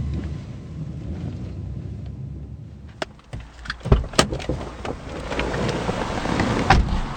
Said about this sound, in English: drives us to a safe house in a rundown part of the city.